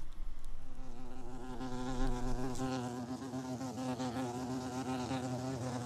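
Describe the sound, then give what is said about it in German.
A bumblebee buzzes steadily for several seconds, a low, droning hum with a slight wavering in pitch and loudness. No voices are heard. “Hier steht die Hummel. Die kleine, dicke Hummel.”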